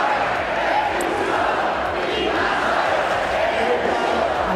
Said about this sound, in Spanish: Entre los manifestantes, gritos de Ceuta no se vende, Ceuta se defiende, también insultos al presidente del gobierno y peticiones para que se expulse a los migrantes.